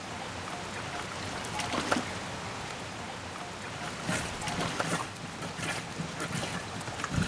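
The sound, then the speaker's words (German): During a prewash, water trickles and splashes steadily as it drains out through small holes that were made for it, a continuous rushing with brief louder gurgles, and no one speaks. “Jetzt kann das Wasser da abfließen, weil ich habe ja Löcher gemacht.”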